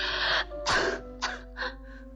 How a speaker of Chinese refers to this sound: …不停地咳嗽着，我翻来覆去的睡不着。